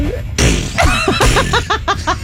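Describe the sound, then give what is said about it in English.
A voice imitates the sound of a tortoise mating with a croc: a couple of loud, raspy blasts, then a quick rhythmic run of short, squeaky, strained grunts. “We did have a tortoise humping a croc sound.”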